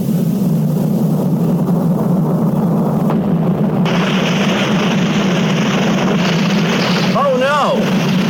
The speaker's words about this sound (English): That water pipe burst. Water is pouring out all over the place.